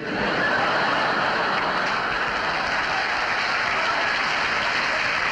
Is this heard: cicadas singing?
no